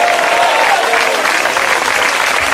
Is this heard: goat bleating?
no